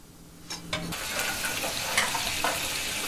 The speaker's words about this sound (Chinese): 煮过的羊排继续用小火慢煎